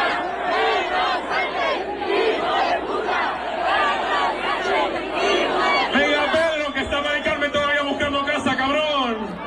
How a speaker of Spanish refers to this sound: Pues tardeo de fiesta con miles de chavales cantando y bailando.